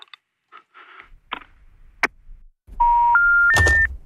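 A telephone call drops as a caller is disconnected: a few faint clicks, then three loud steady beeps stepping upward in pitch, one after another, over a burst of line noise. No one speaks.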